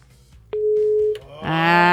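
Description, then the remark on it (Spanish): A telephone line rings on an incoming call: a steady electronic tone holds for under a second, breaks briefly, then a louder, buzzier ring tone starts and continues to the end. No talking. “Ah, nada más andaban ahí viendo a ver si sí sonaba o si les di mal el número.”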